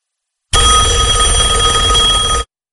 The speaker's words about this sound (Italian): Finalmente, rispondo subito al primo squillo.